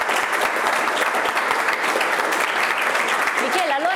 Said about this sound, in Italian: qui l'applauso ci sta veramente bene.